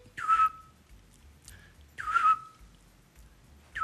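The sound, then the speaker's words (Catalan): A Eurasian scops owl gives short, mellow whistled notes, each a single steady mid-pitched tone, repeated at a slow, regular interval of about two seconds over a faint low rumble. “És dels meus ocells preferits, sí, sí, eh? El xot.”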